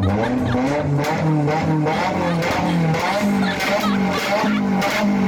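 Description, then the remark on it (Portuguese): A Nissan S15 sports car engine revs hard, its pitch climbing and falling in repeated surges over a steady loud roar, with a hint of tire squeal underneath. “Olha o ronco do meu S15, vai.”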